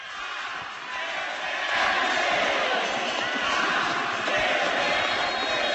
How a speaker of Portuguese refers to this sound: Vamos escutar a torcida, pelo amor de Deus.